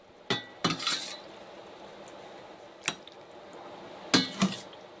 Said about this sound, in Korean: 바다의 산삼이라 불리는 낙지를 넣어 끓여낸 낙지라면. 값비싼 보양식에 비할 바는 아니지만 아내의 사랑이 듬뿍 들어가 남편에게는 최고의 보양식이죠. 낙지 영양 성분이 우러난 국물까지 싹싹 긁어 그릇에 담아냅니다.